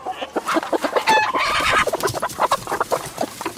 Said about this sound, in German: Der Legebatterie entkommen führt eine Henne in Griechenland ein mal mehr, mal weniger selbstbestimmtes Leben in Freiheit.